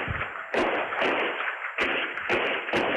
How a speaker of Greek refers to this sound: Ο 54χρονος τον πυροβολεί 6 φορές με περίστροφο. Κάμερα ασφαλείας καταγράφει τον ήχο των πυροβολισμών.